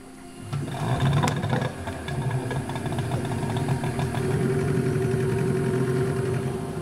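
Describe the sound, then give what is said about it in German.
A small motorboat engine drones steadily, a continuous mid-pitched running hum with a faint rhythmic chug, no voices present, as the boat travels through winding waterways along the Rio Magdalena Medio river in Colombia. “Wir fahren durch die verschlungenen Wasserwege entlang des Rio Magdalena Medio, einer der Lebensadern Kolumbiens.”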